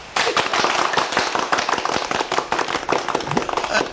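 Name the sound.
applause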